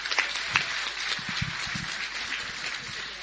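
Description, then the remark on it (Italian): A crowd of people gives another round of applause, steady dense clapping that holds at an even level throughout, with a few sharper individual claps standing out near the start. “So let's give her another round of applause.”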